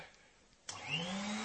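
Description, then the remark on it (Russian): A vacuum cleaner switches on abruptly after a quiet moment as a man vacuums a room, its motor whine rising in pitch as it spins up, then holding a steady, loud drone. “А может, пойдешь в другую комнату, пока я тут буду пылесосить, а?”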